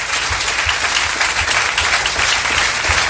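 Sustained applause from a crowd at the Battle of the Artists, dense overlapping clapping filling the whole stretch at a steady, fairly loud level with no voices standing out.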